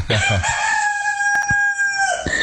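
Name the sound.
rooster crowing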